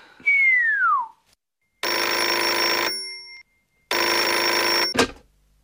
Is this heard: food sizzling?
no